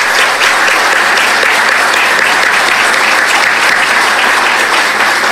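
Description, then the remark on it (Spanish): Steady, dense applause from a sizable audience for the council president and councillors present, many hands clapping at once in a continuous loud wash that holds evenly throughout with no voices rising above it. “Un fuerte aplauso, por favor, para ellos.”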